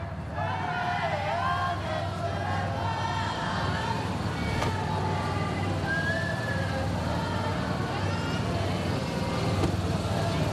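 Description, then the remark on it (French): A car carrying Pope Leo rumbles low and steady as it begins to roll forward, surrounded by a dense outdoor crowd murmuring and chattering throughout, people saying and singing thank you. “Et voilà, la voiture, eh bien, commence à avancer.”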